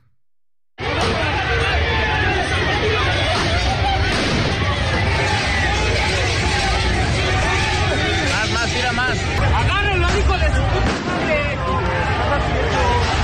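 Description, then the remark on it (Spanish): A loud, dense crowd of fans roars and shouts outside the Estadio Azteca in Mexico City, celebrating the Mexican national team's win, the chaotic clamor starting abruptly and staying constant, with individual raised voices and sharp bangs cutting through the din. “También gritos ahí, sombrerazos, escuche.”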